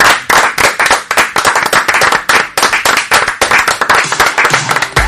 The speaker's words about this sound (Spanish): Así que vamos a bajar el telón de este programa con un aplauso para esto ellos y también para nuestros invitados, agradeciéndoles.